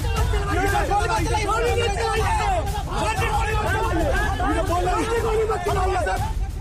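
A loud, agitated crowd shouts and screams over one another in a continuous roar of overlapping raised voices, with no single speaker standing out, sustained throughout, as police disperse people amid stone-throwing in Bailoti, Shahpur police station area, Bhojpur, Ara, Bihar; people cry out for police not to shoot.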